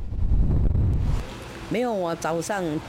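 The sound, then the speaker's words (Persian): Strong typhoon wind blowing at about 100 km/h in Taipei, Taiwan, buffets the microphone with a loud, rumbling roar for about a second, then fades as a person begins speaking over a quieter, steady background of wind. “وزش باد با سرعت 100 کیلومتر در ساعت در تایپه پایتخت تایوان باعث چپه شدن درختان و طغیان دریاها شده.”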